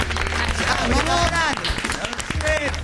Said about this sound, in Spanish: Muy bienvenidos y un aplauso muy grande